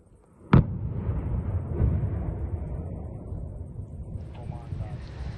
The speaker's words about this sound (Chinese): 罗马尼亚海军在巴拉运河的一侧实施了受控爆炸，爆炸激起了巨大水花和烟尘。